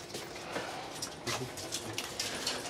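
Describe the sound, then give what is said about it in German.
A dog sniffs intently in a run of quick, breathy snuffling bursts, soft and irregular, with a faint background hum and no talking, as it searches the slots of the lower row of lockers, licking a little. “Er leckt zwar ein bisschen, ist aber kein Problem. Langsam, langsam. Ah, er spürt sehr intensiv die Schlitze ab.”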